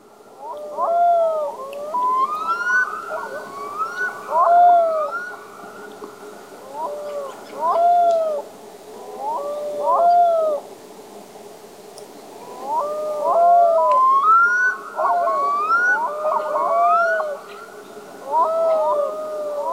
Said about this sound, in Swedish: jag såg att ni hade en varglom, så tänkte jag, nu har de hittat på en art som inte finns, men då förstår jag att det är storlom med ett mycket speciellt läte som har hörts under älvvandringen. Och jag tänker att vi ska lyssna på hur den låter här.